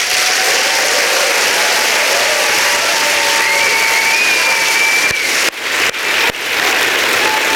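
A crowd applauds loudly and steadily at a live show after a speaker finishes, a dense wash of clapping with faint cheers and whistles rising over it, briefly interrupted by a few sharp thuds before the applause carries on.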